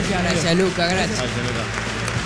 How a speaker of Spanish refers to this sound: Fuerte el aplauso para Luca Blondel.